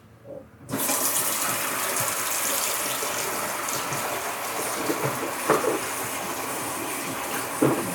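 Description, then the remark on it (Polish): A kitchen tap turns on abruptly and water runs in a steady, loud rushing hiss, with occasional splashy bumps as a head of broccoli is rinsed under the stream before cooking. No one speaks. “Sobie ją najpierw umyję, tylko ona się trochę rozwaliła w sklepie, widzę.”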